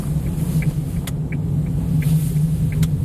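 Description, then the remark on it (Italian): Steady low engine drone and road rumble from inside a small Japanese car on the move along the mountain hairpin bends of the Valle Verzasca, with a couple of faint clicks and rattles; no one speaks. “Seduto nell'utilitaria giapponese di Don Marco, auto che conosce questi tornanti a memoria”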